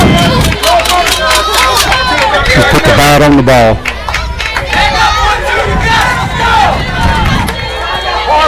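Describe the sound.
A baseball stadium crowd roars loudly with cheers and shouts, getting louder, while a man speaks over the din.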